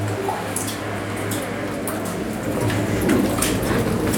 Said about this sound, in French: J'espère qu'on n'est pas en plein milieu de la chaussée quand même. On entendra les bagnoles, non? On les entend, les bagnoles.